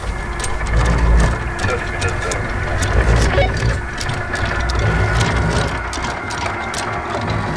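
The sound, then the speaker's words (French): An anchor being dropped from a boat at Paradise Bay after a mooring rock is located, starting with 30 meters: a steady run of rapid metallic clanks and rattles as the chain pays out, over a continuous low engine rumble. “Une fois repéré le rocher d'amarrage, Jonathan peut jeter l'ancre.”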